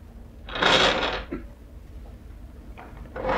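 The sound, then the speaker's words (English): A wooden drawer slides open with a loud scraping rush, followed by a brief clunk, then quieter rustling and shuffling as someone searches inside it for a photograph, with no voices. “I got one in this drawer.”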